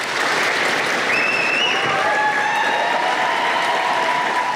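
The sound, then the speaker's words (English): Sustained applause from a sizeable crowd of the Prime Minister's staff standing outdoors in the street, steady and dense throughout, with a few faint whistles rising above the clapping. “His staff in the street applauding.”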